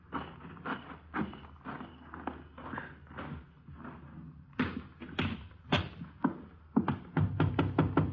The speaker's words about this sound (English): You go around the back way, and I'll go in through the front. Wait till you hear me knock.